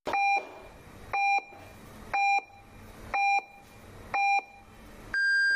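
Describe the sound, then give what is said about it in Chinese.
Radio time signal beeps on Fengning Media Center's general broadcast, FM 101, marking 7:30 in the morning: five short, evenly spaced electronic pips about a second apart, followed by a longer, higher-pitched final tone. Clear and steady, with no talking. “现在为您准确对时，现在是早晨7点30分。”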